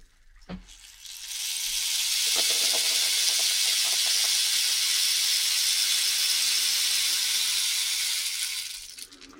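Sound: rain stick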